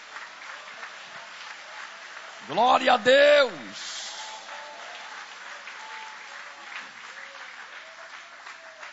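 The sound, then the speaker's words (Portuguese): An audience applauds the name of God steadily during a church service, a dense, even patter of many hands, while one voice briefly rises loudly above it partway through with a short exclamation. “Podem aplaudir o nome dele com alegria. Isso, pode aplaudir, pode glorificar.”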